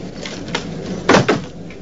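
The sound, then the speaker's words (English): A door opens with a short scrape and thud, closely followed by a sharp click like a light switch being flicked on, as Mac comes home to his dark, empty flat, with no voices. “Mac comes home to his dark, empty flat, flicking on the lights as he opens the door.”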